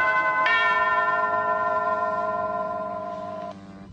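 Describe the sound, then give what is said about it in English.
A clear two-note ding-dong bell chime in an Afrikaans radio advertisement for farm-fresh dairy products, the second tone striking about half a second in and ringing on steadily for a few seconds before cutting off, with nothing else around it. “Geniet 'n ding-dong dag, Terrie Bell.”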